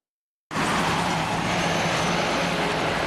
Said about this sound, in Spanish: El ruido de autos llega hasta las aldeas del Yaraguá. En la zona noroeste de São Paulo, el territorio indígena está junto a algunas de las principales autopistas de la ciudad.